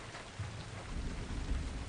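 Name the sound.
rain falling outside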